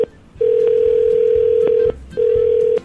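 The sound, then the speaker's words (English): A phone call to a wife rings out: a steady, low electronic tone sounds in two long pulses separated by a brief pause, with no one speaking. “Give her a call real quick.”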